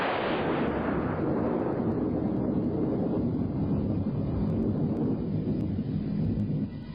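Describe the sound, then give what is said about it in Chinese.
A dense, continuous rolling thunder rumble fills the whole stretch, loud and heavy, with deep booming layers blending into one unbroken roar and no voices. “轰隆隆的雷声已经没有了界限，响成了一片。”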